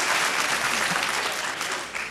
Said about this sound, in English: You know, if you're going to applaud, hurry, because the light's going to fade the suit.